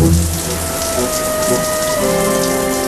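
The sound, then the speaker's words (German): Steady hiss of shower water spraying down as a brother takes a very long shower in the bathroom in the evening, continuous and fairly loud, with a faint tonal hum underneath; no voices. “hatte ihr Bruder es schon belegt. Er duschte. Lange. Unendlich lange.”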